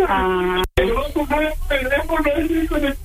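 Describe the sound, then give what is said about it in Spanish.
A man cries with emotion on learning he has a little brother, his voice wavering and sobbing in drawn-out, quivering bursts, fairly loud, with one brief break near the start. “Sí, está llorando porque es de tanta emoción de saber que tiene un hermanito como tú”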